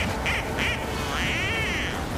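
duck quacking

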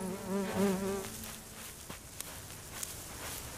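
wasp buzzing in flight

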